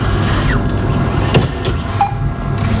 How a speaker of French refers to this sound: Ce bruit ne résonnera plus une bonne partie de l'été à Vialas. À cause du bureau de La Poste, le guichet comme le distributeur de billets que vous venez d'entendre et qui permet pourtant de faire vivre la commune